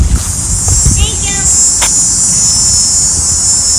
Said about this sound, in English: I guess I hadn't noticed before, but I noticed that. It's cicadas, isn't it? I think so.